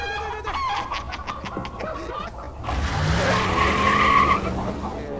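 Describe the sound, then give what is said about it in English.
A rooster squawks in quick, harsh bursts as a burlap bag is thrown over its head to catch it, then a loud scuffle of flapping and thrashing breaks out, topped by a shrill, drawn-out squeal. “He's gonna love fighting other roosters.”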